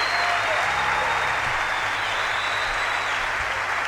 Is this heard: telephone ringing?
no